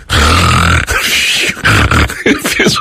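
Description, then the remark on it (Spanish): A person imitates snoring with their voice: a loud, low, rattling rasp, then several shorter, breathy, snorting gusts. No words are spoken. “No es que yo ronca y nomás quiero hacer el ruido como que yo ronco.”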